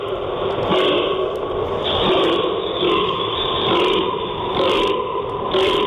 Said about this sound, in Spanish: Es la ronca del gamo. Muy bien. A continuación de lo que es el momento de la berrea.